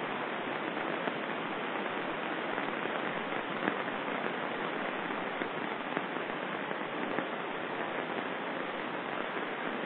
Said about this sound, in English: I am enjoying the sound of the rain now.